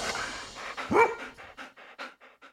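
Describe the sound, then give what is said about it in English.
A dog gives one sharp bark, then pants rapidly in a steady series of short, breathy puffs that gradually fade. “Yes, woof indeed.”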